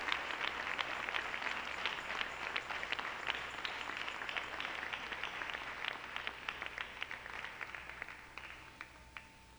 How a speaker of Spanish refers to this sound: Démosle un aplauso al Señor, Dios del cielo. Aleluya.